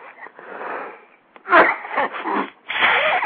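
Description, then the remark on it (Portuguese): A person with a bad flu sneezes with a wet, forceful burst, preceded by a long noisy intake of breath and followed by more breathy, snuffly bursts. It is fairly loud, with no talking. “Então eu tenho o direito de passar esse programa aqui, metade dele tossindo, a outra metade espirrando.”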